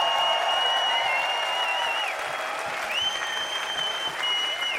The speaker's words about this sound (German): Und bitte einen riesengroßen Applaus für das ganze Team vom Rudolstadt-Festival. Alle hunderte, tausende Menschen, die das hier möglich machen. Bitte macht mal Lärm für dieses Festival.